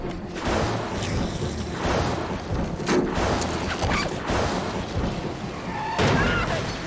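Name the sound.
thunder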